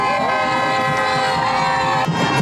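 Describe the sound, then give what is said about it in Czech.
A dense street crowd in the capital of Cape Verde cheers and shouts continuously as the national football team rides through the streets after the country's first World Cup, a loud, steady roar of many voices with high whistles and horn-like tones woven through it. “No a takhle to znělo, když fotbalisté projížděli ulicemi hlavního města Kapverd.”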